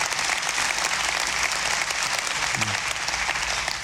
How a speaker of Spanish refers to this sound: Bueno, se quer aplaudir, hágalo, hágalo. Pero hágalo de tal maneira que se le caliente las manos.